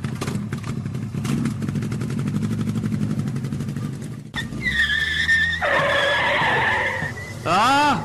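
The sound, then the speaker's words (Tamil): A motorcycle engine revs with a throbbing, pulsing rumble for a few seconds, then tires let out a long, loud, shrill skidding screech, ending in a few sharp rising squeals. “தம்பி நீ வாப்பா, நமக்கு போலாம் பைக்ல ஏறு.”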